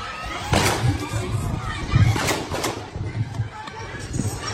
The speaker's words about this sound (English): A video clip of Sunday's incident has gone viral on social media, and in it, a number of gunshots can be heard while congregants continue to pray.